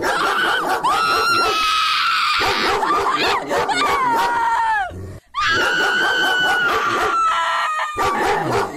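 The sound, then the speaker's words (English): A pit bull barks and yowls loudly, a run of drawn-out, high-pitched, screaming cries that break off briefly midway, then resume. “I'm going pit bull on that one. You are correct.”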